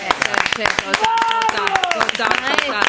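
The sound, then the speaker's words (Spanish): A group of people applauding Leonel Andrés after Argentina's win, a dense run of quick claps throughout, with a voice calling out briefly over the clapping. “Sí, deberíamos haber arrancado de pie aplaudiendo a Leonel Andrés, ¿no?”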